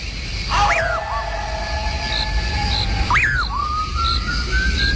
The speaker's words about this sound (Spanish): Un raro silbido penetrador y espeluznante comienza a dejarse oír tras los pasos de Juan Hilario.